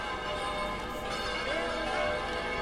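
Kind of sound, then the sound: ambience, church bells ringing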